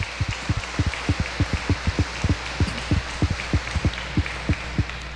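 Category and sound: crowd, loud applause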